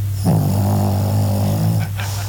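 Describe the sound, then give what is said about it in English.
A small Pekingese dog named Sassy, about 20 pounds, snores while asleep at night: one long, loud, raspy rattling breath lasting over a second, followed by a short pause and the start of a softer breath. “Then when Sassy does fall asleep, it turns to this. This is her snoring.”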